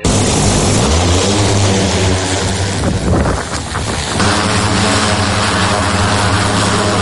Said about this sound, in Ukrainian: За польотом одночасно стежать кілька бійців. Один контролює важкий дрон, інші слідкують за небом, аби поруч не було ворожих безпілотників.